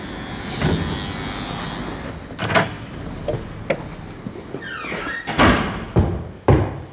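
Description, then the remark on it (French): An apartment building door in Paris's 20th arrondissement is opened and passed through, with a latch click, a creaking swing and a few sharp knocks and thuds, against steady background noise and no talking. “Bonjour, voilà, il faut franchir la porte devant et troisième étage.”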